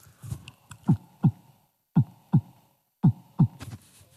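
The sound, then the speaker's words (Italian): A crowd of people imitates a heartbeat with their voices, producing low, thumping double beats in a steady lub-dub rhythm, three pairs spaced about a second apart. “Allora, primo suono. Battito del cuore.”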